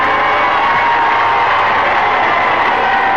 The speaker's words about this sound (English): The nervous tension of the last few days begins to relax as the prince and princess leave the cathedral to greet their cheering people.